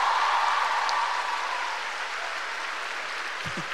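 Sustained audience applause, a dense steady clatter of many hands clapping that holds loud at first and then gradually thins and softens toward the end, with no one speaking.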